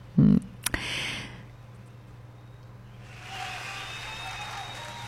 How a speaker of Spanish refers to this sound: ¡Un aplauso a los bolitas! ¡Que viva!